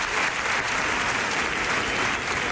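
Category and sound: crowd, applause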